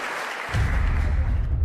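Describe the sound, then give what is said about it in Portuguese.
An audience at a church service claps in a dense, continuous wash of applause that swells louder about a third of the way in and holds steady to the end, with no voices standing out. “Vamos receber aquelas palmas bem forte.”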